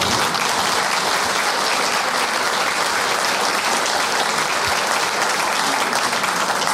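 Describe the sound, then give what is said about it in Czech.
Steady audience applause fills the whole stretch, a dense, even wash of many hands clapping at constant loudness with no voices breaking through. A studio audience applauds a guest who has just said his age, 84. “A pak člověk řekne jenom kolik moje a oni už tleskají sami.”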